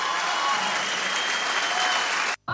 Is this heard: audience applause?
yes